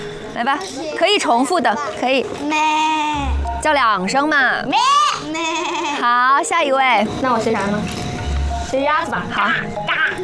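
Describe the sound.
A young voice imitates a sheep's bleat with a series of wavering, nasal "baa" calls, loud, with other voices chattering around them, as children take turns imitating animal sounds.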